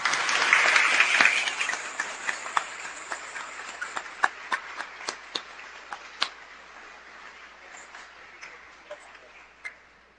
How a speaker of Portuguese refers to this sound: No final da missa, toda a comunidade poderá abraçar os novos crismados. Mas agora vamos expressar nossa alegria com uma salva de palmas.